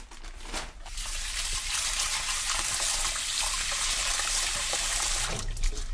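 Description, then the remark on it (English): Steady running tap water splashes into a sink for several seconds, a continuous hiss with faint rinsing movement underneath as roughly 1 cup of dal (split pigeon peas) is washed under the stream. “It's good to have the water not be looking cloudy. That's when you kind of know the dal is properly washed.”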